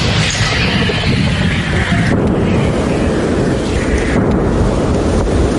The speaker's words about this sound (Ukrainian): вони відрядили у бік окупантів не одну сотню важких артилерійських снарядів. Постріл! Постріл! Постріл!